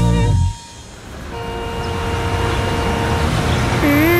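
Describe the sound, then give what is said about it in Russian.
Steady city street traffic in a town in New Zealand, a continuous wash of car and engine noise. It starts after a brief louder burst, and a short horn-like tone rises near the end. “Это же обычный город. Дома, машины, ни одной хижины.”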